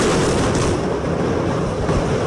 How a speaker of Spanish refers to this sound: Eran 5 torres, todas quedaron inhabilitadas, pero peor había quedado la Torre A y la explosión se escuchó de esta manera.